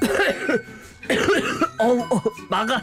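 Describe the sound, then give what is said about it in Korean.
A doctor coughs in a series of harsh bursts in irregular clusters, with a throat-clearing quality and brief pauses between fits, no clear speech, after a patient passes gas during a medical procedure. “그리고 몇 초나 지났을까 제 방귀를 먹은 의사 선생님이 갑자기 기침을 하시더라고요.”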